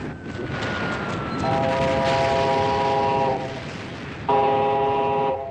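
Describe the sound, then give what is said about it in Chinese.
A train rumbles steadily as it slowly pulls into a small railway station on the outskirts of Shanghai, China, while its horn sounds two long, loud blasts, the second starting abruptly after a brief pause; no one speaks. “上海郊外一个小火车站的月台上，齐长鹏和肖啸天在等待着”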